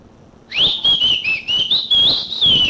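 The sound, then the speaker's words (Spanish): A person whistles one long, loud, wavering high note to call someone, with the pitch bending slightly up and down for about two seconds. No one speaks. “Ahí voy, pues. Yo le voy a silbar.”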